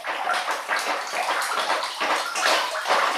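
Rushing floodwater pours steadily, a dense, churning roar with surging, sloshing pulses throughout and no voices.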